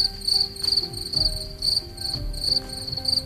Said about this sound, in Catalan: De fet, l'únic que sentim són grills. Ocells, cap.